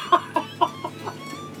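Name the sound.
hen clucking with chicks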